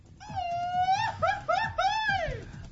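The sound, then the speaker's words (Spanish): A person lets out a loud, high-pitched yell, starting as a sustained wail, then breaking into quick warbling bursts before ending on a long falling cry. “Exacto, alguien le duele el estómago por ahí, por eso se echó su grito.”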